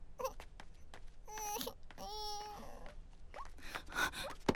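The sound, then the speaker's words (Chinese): A baby girl cries in wavering, high-pitched wails and whimpers, with short gasping breaths between bursts and no one else speaking. “宝宝不哭了哦。”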